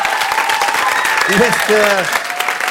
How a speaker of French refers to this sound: Merci à vous. Merci, on peut encore t'applaudir bien fort.